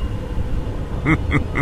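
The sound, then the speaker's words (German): A steady, deep rumble of thunder rolls throughout, and near the end three short, higher tonal pulses sound in quick succession over it. No one speaks. “Ein undefinierbares Donnergrollen erschallte.”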